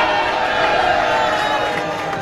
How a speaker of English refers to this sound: Those are the sounds of people cheering for Mexico's win over South Africa. Close to 200 people gathered at the University of Utah's Union Center to watch the opening game of the FIFA World Cup Series.